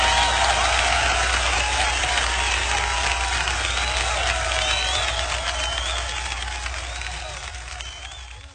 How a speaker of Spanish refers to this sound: aplauso que hace el Señor.